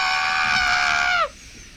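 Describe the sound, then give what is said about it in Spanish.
A voice imitates a hen with one long, shrill, squawking cry held for about a second, dropping in pitch as it cuts off, loud, with no talking. “Callen la gallina, chicos.”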